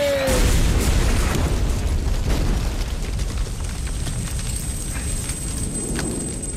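A brief falling whistle as a bomb drops from an airplane gives way to a loud bomb blast, followed by a heavy, roaring rumble with crackling debris that stays strong for several seconds before easing slightly.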